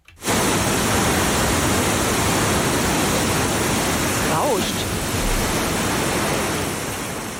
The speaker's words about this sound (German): Rauscht einfach nur. Ja, ich gebe mal einen Tipp, ist das Rauschen von der Leinewelle? Dann ist es hier, Rapid Surfing. Absolut richtig. Rapid Surfing auf dieser künstlich angelegten Surfwelle an der Leine, da surfen die und müssen da Tricks machen